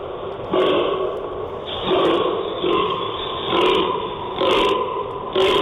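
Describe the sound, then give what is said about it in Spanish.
A fallow deer groans repeatedly during the rut, a series of deep, rasping belches about one per second, loud, with no talking. “Es la ronca del gamo.”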